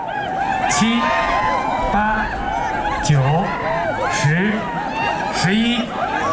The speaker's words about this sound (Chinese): 伴随着观众们的欢呼声与尖叫声，这片草原彻底沸腾起来。